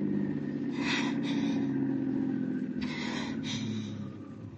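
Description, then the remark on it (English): A car engine rumbles steadily, with a couple of brief rushing bursts like tires on gravel, then the sound eases off near the end as the car, driven past the city limits, slows to a stop. “Okay, I'll stop the car”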